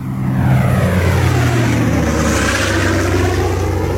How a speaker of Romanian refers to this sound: În avion!